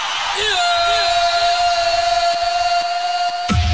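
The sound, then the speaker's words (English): A large crowd in an auditorium shouts and whoops together in a sustained roar, with a high steady tone running through it and a sharp burst at the end. “If you're in this auditorium, let me see your shouting.”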